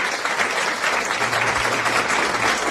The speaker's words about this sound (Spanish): Mira, eso merece, no sabes, aplausos. Y les voy a decir por qué merece aplausos.